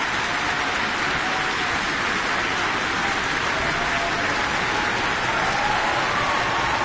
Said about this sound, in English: I can't see the whole audience from where I'm sitting, but I can see quite a few people on their feet, a standing ovation.